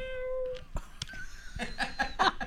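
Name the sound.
cat meowing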